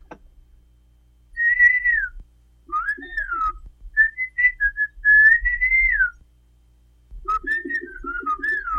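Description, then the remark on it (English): Two men converse in whistled speech in the Xochiapam Chinantec language, trading clear, gliding whistled phrases in short bursts separated by brief pauses, loud, with no spoken words. “These are a couple of guys having a conversation. They're talking with whistles.”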